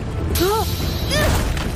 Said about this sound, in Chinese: 糟了，是爆炸引发的地震。